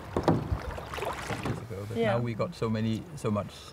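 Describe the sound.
A kayak paddle splashes and dips through the water, with soft watery swishes and knocks up close, while people talk over it in the second half.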